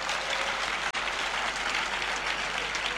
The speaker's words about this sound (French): Applaudissons le Seigneur qui veut nous donner.